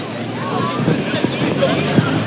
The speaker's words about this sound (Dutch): op de brommer naar beneden